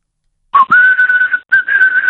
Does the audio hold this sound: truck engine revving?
no